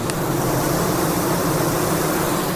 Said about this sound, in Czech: A tady vidíme, jak dělnice visí na tom česně a kmitají křidílky.